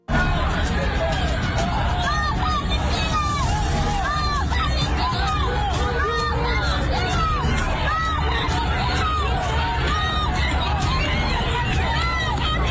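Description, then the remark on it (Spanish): A large protest crowd shouting and chanting "no nos asesinen" (don't kill us), a dense, loud wall of overlapping voices that holds steady throughout with no single speaker standing out. “Así se han escuchado algunas de esas manifestaciones.”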